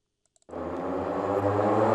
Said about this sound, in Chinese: 这里是云南白药集团云南省医药有限公司物流中心的停机坪，在我的前方，一架搭载着急救药品的多旋翼无人机正在准备升空。 现在直飞的这一趟无人机是运送甘美医院，整个航程有52公里，飞行高度300米左右。